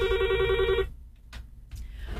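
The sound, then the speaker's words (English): A telephone on a radio show's phone lines rings loudly in one bright, electronic burst that cuts off abruptly, followed by near silence broken by a couple of faint clicks. “I'm going to clear the phone lines because it's not time yet.”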